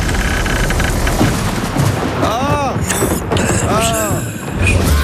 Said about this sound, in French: c'était l'orage derrière la porte de Sainte-Suzanne.